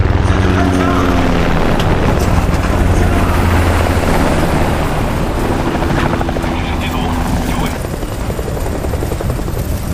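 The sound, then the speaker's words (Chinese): A helicopter, called in to drown out a man's speech, hovers with a loud, steady rotor thrum and a deep pulsing drone that holds for the whole stretch, while indistinct voices sit faintly beneath the roar. “叫直升机来盖住他的声音。”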